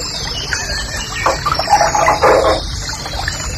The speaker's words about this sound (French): Ça, c'est le rossignol et cascade. Oh, c'est joli.